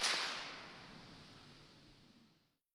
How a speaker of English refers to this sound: Instead, city staff now patrol the area, setting off firecrackers three times a day to scare bears away.